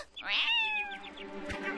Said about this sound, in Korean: 근처에 야생 고양이가 있잖아. 절대 둥지 곁에 떠나면 안 되겠어.